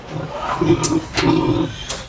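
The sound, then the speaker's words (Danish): A pig in a pigsty in Sweden grunts several times in a row, low and rough, with short snorting bursts breaking in between the throaty grunts. “Og tilbage i grisestien i Sverige er det måske også godt lige at høre fra grisen selv, om den er tilfreds med de bedre forhold.”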